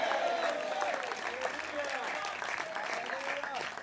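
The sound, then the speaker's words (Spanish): An audience claps for the Lord in a steady, dense wash of applause for several seconds, with voices calling out and rising over the clapping throughout. “Dele fuerte ese aplauso al Señor, a su nombre.”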